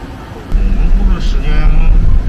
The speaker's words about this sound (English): Right now, I'm inside the truck. I'm with the truck driver and his helper, and we're on our way to the garbage compression transfer center to see what's the next step.